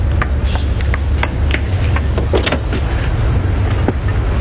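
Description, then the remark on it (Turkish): A car engine that has just been started idles steadily, a low constant rumble, while a handful of sharp clicks and knocks, like a car door being handled, come through over it. No one speaks. “Çalıştı şu arabayı.”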